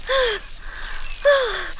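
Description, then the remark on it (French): Two breathless, voiced gasps a second apart, each sliding downward in pitch, fairly loud, like a voice panting to catch its breath, voicing a shocked dragonfly that has just narrowly avoided a car. “Elle est sous le choc et essoufflée.”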